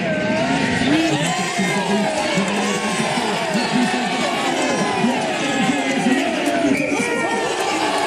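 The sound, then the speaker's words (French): A large crowd of USAP rugby fans cheers and shouts with joy after the team's first try, many overlapping voices rising and falling in a dense, steady roar that stays loud for the whole stretch. “La crispation baisse enfin, les premiers cris de joie apparaissent.”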